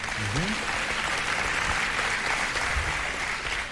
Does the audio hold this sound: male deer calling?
no